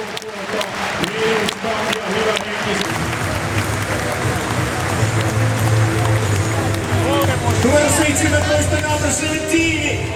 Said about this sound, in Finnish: Kuunnelkaa tätä. Tämä on siis Tapparan kotipeli. Kaikki paikalla olijat taputtavat, hurraavat KK:lle. Kuunnelkaa.